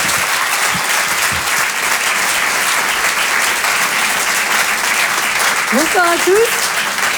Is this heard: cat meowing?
no